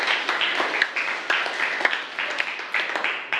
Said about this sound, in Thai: ถูกต้องนะครับปรบมือเลยนักเรียนนะครับ